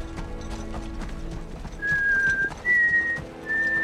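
In a District 7 forest, a man spotting a Mockingjay symbol on a tree whistles a short signal of three clear, sustained notes, rising then settling, over a busy background of hoofbeats and faint outdoor clatter.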